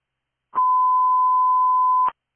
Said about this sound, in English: Station 13, test tones complete, 1010. Yes, thank you, they came through.